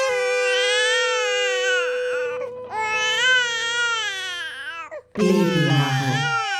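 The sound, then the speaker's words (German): A hungry two-month-old infant cries loudly in long, wailing bursts with a brief gasp between them, then a harsher, strained cry starts up near the end. “Das Kind schreit nur noch.”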